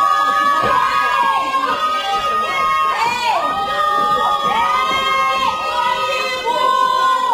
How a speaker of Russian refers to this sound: Что вы орете? Кто вас услышит через этот забор? И кто остановится в такой метели?